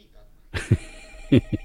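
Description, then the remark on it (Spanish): A telephone rings in two short double bursts, moderately loud, with a faint hum between the rings. “Atienda el teléfono, don Alfredo.”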